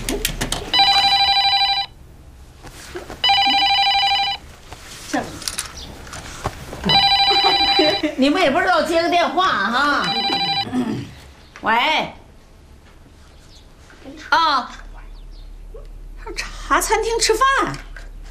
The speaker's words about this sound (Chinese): 你们也不知道接个电话哈。